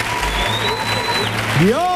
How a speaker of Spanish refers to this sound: Hemos aprovechado para regalarte dos sillones nuestros. ¿Regalado? ¡Dios mío! ¡Regalado encima! ¡Fuerte! El aplauso para la gente de Torresol.